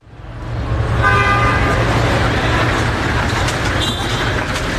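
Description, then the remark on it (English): Dense, steady roar of city traffic in Lima, the capital of Peru, with several car horns tooting and honking over it, loud, while engines rumble low underneath. “Capital Lima is a bustling metropolis known for its food, its architecture, its sweeping sea views.”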